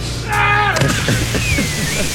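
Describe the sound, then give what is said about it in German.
A shrill yell rises and breaks off, then a heavy splash as a body hits pool water in a high cannonball jump at an outdoor public swimming pool, with a steady low hum running underneath. “Also kann sein, der Schrei war lauter als die Arschbombe, aber das war gut.”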